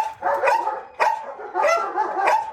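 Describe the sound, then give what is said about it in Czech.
Several dogs bark in quick, overlapping bursts, loud, with a reverberant quality, in the brick and wooden kennels of a dog hotel in Břevnice near Havlíčkův Brod; no one speaks. “No, máme tady zděný a tady dřevěný kotce.”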